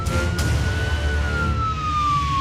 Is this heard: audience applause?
no